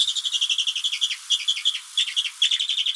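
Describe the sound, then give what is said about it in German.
A bearded vulture, the largest bird of the Alps, calls with a thin, high-pitched twittering, a rapid run of short whistled chirps that carries on steadily for a few seconds, clear, with no voices. “Der größte Vogel der Alpen. Mit einer sehr harmlosen Stimme.”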